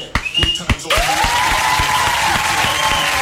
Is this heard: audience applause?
yes